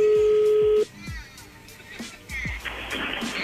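A steady telephone tone cuts off after the other party hangs up, followed by a string of short dialing beeps as the number is redialed, heard over a faint, noisy line.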